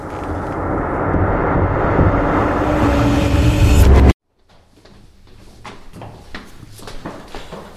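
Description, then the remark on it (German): A loud, steady roar fills the first half, then cuts off abruptly; in the quieter stretch that follows, scattered footsteps grow gradually louder as someone approaches. “Da kommt jemand.”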